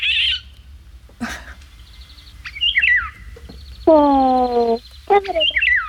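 Eurasian golden oriole song: several loud, fluting whistled phrases, clear, separated by short pauses and mixed with a few sharper chirps, with no one talking.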